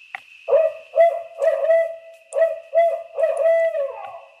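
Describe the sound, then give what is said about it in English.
Recorded hoots of barred owls, since killed, play through speakers into the darkness, about eight rhythmic, rolling calls in quick succession over a steady background tone, fairly loud, with no one talking. “Mark records the calls of almost every barred owl before he shoots them. And it's those hoots that are now playing out of these speakers.”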